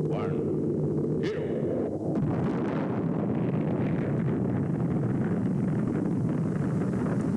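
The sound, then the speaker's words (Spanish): A deep, continuous roar of rocket engines at liftoff at Cape Canaveral, with astronauts aboard, fills the whole clip, loud, a dense rumbling blast that holds steady without letting up. “Cabo Cañaveral, todo listo para lanzamiento. Astronautas a bordo de la nave. Motores en marcha.”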